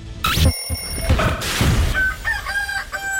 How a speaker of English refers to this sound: Give your old rooster a break and set your alarm to real country mornings.